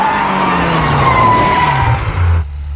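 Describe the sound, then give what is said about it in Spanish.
A car brakes hard at a red light with a loud, sustained tire screech, a steady high squeal over low engine rumble, lasting over two seconds before cutting off abruptly. No one speaks. “¡Frena el auto!”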